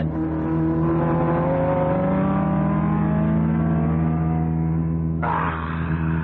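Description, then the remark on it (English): A race car engine roars loudly and steadily during a race, its pitch sliding gradually lower as it passes another car, then snapping to a harsher, higher whine near the end, like a sudden gear change. “Well, you hear what's happened to my car?”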